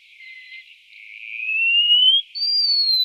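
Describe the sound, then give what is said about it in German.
A wallcreeper calls with thin, high whistled notes: a long tone slowly rising in pitch, a brief pause, then a higher sustained whistle, clear and on its own. “Der Mauerläufer.”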